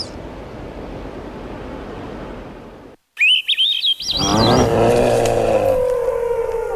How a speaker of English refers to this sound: Early on a summer morning, a horde of gulls is busy on a sandy beach exposed at low tide. They're foraging on Pacific sand lance, thin eel-like fish just a few inches